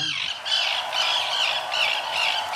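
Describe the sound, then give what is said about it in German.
Harsh, grating Arctic tern calls repeat in quick succession, loud, forming a continuous raspy chorus with no talking. “And the winner is... Die Küstenseeschwalbe.”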